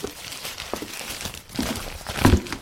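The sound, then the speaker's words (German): Crinkling of a crumpled paper note, found in a wastebasket, being unfolded, a series of dry rustling crackles with the loudest burst near the end, no voices. “Hier, ich habe im Abfalleimer einen zerknüllten Zettel gefunden.”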